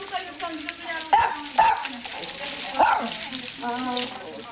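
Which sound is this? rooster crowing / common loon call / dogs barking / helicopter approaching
dogs barking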